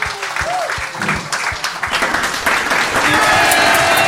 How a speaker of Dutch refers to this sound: Ja, voilà. Ja. Dames en heren, heeft hem een daverend applaus.